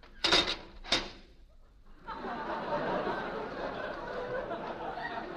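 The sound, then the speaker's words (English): Two sharp, heavy clunks as a door shuts and latches, followed by a steady, rushing mechanical whir as the door's time lock engages, fairly loud. “Time lock on the door.”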